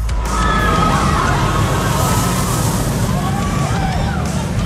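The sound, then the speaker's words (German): A radio station's prize-game 'winner roller coaster' sound, played between songs: a steady, loud rumbling roar of the cars on the track, with thin high-pitched squeals and what could be faint screaming riding over the noise throughout. “Das ist die Gewinner-Achterbahn. Wenn ihr diese Achterbahn hört und das Handy griffbereit habt, dann ist der Moment, darauf kommt es dann an.”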